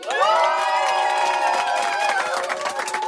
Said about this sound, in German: Endlich wieder dieses freudige Klatschen. Nach 2 Monaten Sommerpause sind wir wieder zurück. Die FM4 Stand-Up-Bühne bei der Happy Hour mit Live-Publikum.